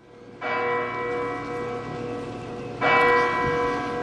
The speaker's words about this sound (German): Die Glocke des Heiligtums schlägt 21 Uhr und damit beginnt diese Lichterprozession